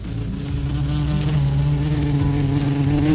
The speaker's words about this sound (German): Na, so eine geheime Wespe rumfliegt. Ich habe das Gefühl, dieses Jahr sind die Viecher wieder überall.